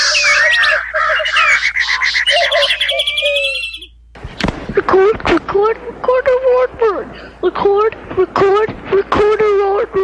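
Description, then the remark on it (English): Calls of the common ground dove, the white-winged dove and the band-tailed pigeon fill the opening four seconds, a loud, dense run of repeated warbling notes, before they cut off and a voice speaks for the rest. “And bringing up the rear, his intended victims, the common ground dove, the white-winged dove, and the band-tailed pigeon.”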